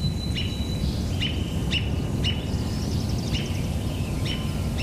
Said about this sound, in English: And the robin making call notes. Doot, doot, doot, doot.